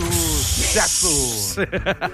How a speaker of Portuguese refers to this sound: É o nosso avião aqui. Canoas é a terra do avião.